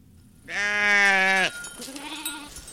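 A single loud Churro sheep bleat lasting about a second, rich and wavering, followed by fainter bleats from other animals in the background, as herders and weavers bring dozens of Churro sheep and goats up to the Carrizo Mountains on the northeastern Navajo Nation.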